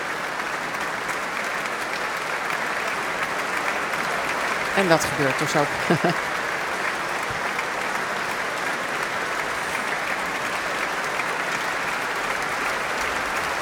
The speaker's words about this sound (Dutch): Groot applaus ook van alle muzici van het Concertgebouworkest. Voor de Canadese violist.